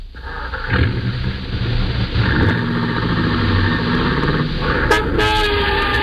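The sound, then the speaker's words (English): A car engine turns over and catches, then rumbles steadily and revs as the vehicle pulls away. The sound is loud, with no voices. “And as you hurry downstairs to your own car, you know that if two and two make four, your first job is to stop a murder.”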